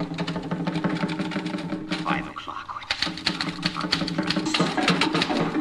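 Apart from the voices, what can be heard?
typewriter keys typing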